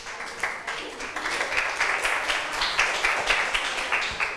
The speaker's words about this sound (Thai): ขอบคุณกลุ่ม1ค่ะปรบมือให้เพื่อนหน่อยค่ะ